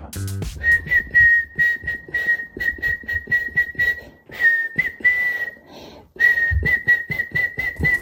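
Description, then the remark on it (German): Someone whistles a catchy pop tune for listeners to guess the song, a clear, steady whistle broken into short rhythmic phrases with brief pauses, over faint background clatter. “Pfeifen.”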